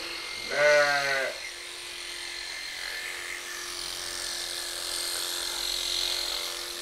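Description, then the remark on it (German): A single sheep bleats once, a short wavering call, followed by a steady hiss of background noise with no voices. “Ja, war das auch ein bisschen das Schaf.”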